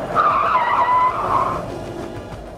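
A taxi pulls up with a loud, wavering tire squeal lasting over a second, fading into low engine rumble and road noise as the car comes to a stop.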